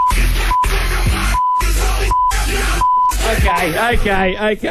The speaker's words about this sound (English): I just feel like you wanted to play a bunch of beeps on the radio. I think it's art because it's Morse code